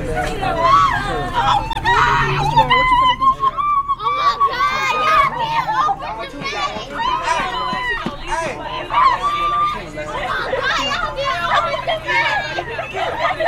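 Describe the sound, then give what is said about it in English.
Two high school girls scream at the top of their lungs, almost nonstop, their high-pitched shrieks overlapping, with excited babble mixed in throughout. “Yes, those are two high school girls, both screaming at the top of their lungs.”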